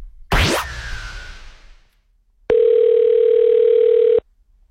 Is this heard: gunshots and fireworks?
no